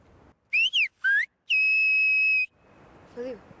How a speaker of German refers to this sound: Leise kann ich es gut, aber hier draußen, wenn ich stärker pfeifen muss, verschlucke ich viel.